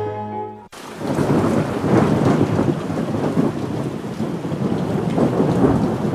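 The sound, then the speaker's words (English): A brief musical tone gives way to a steady roar of heavy rain with deep rumbling thunder rolling underneath, loud, continuing without any voices. “Severe weather can strike at any time.”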